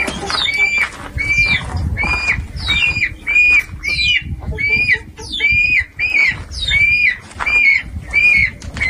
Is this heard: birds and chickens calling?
yes